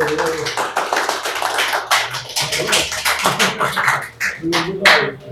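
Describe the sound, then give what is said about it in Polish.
An audience at a lecture claps steadily for about five seconds as a doctor is invited to give her talk, many hands producing a dense, fairly loud patter of sharp claps that swells slightly near the end. “Słuchajcie, to są oklaski po cygańsku, bo nie wiadomo, czy wykład będzie, czy ta prelekcja będzie dobra.”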